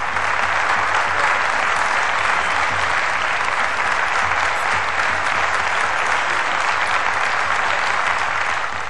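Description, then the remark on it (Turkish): A large crowd of Soğanlı townspeople applauds loudly and continuously to greet the wrestler Adalı Halil Pehlivan, a dense wash of clapping hands that holds steady at full strength for the whole stretch. “Soğanlı halkı onu pek güzel tanıdığından hemen şiddetli bir alkışla karşıladı.”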